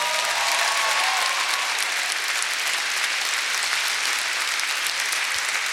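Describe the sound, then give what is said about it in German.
A show audience applauds a violinist in the band, a dense, steady wash of many hands clapping, holding at an even, fairly loud level for several seconds with no voices on top. “Applaus für Natalia.”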